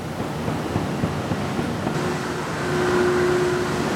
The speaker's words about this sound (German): Ein Kleinbus fährt uns über das weitläufige Fabrikgelände, vorbei an riesigen Hallen